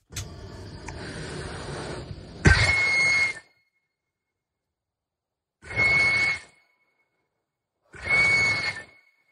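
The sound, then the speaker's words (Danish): A harsh, breathy blast with a piercing steady whistle tone from a device for scaring people away, repeated in three bursts separated by silences, the first longer and noisier, loud with no talking. “Nej, det er ikke en dyreskræmmer. Det er en menneskeskræmmer.”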